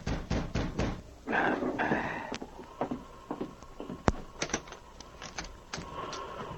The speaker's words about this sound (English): That night, Gideon Perry was seated in his cabin when he heard a knock at the door.